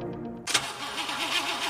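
A car engine cranks briefly, then catches and fires up into a steady, rumbling idle with a slight wavering rev, fairly loud, with no voices.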